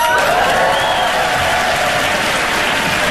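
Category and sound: crowd, audience applause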